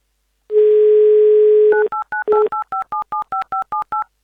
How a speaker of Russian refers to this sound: Так, номер набран, и мы сейчас попытаемся все-таки услышать